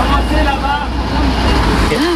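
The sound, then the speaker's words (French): A heavy truck engine rumbles steadily and loudly, a deep continuous idle-like drone, as the truck manoeuvres in a narrow street in Sablé, guided by people so it can leave, and strikes a streetlamp; indistinct voices call faintly in the background. “On se retrouve même à guider tous ensemble ce camion pour qu'il puisse repartir.”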